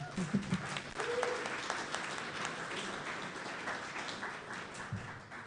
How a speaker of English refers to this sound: So please give them a round of applause.